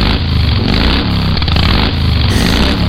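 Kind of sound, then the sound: vehicle, motorcycle engine revving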